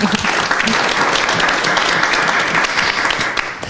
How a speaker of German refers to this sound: Vielen herzlichen Dank. Schön, dass du da bist. Ein Applaus.